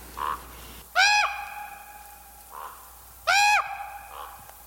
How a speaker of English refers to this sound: Last week we had not one, but two mystery birds. Crows and ravens.